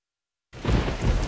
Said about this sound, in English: It's pouring rain. It's real dark outside.